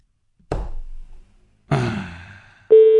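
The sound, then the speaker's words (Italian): Two dull clunks, like a handset being handled, followed by the start of a loud, steady telephone ringing tone at the very end as a call is placed during a radio broadcast. No one speaks. “Allora, ripeto, stiamo chiamando Bus.”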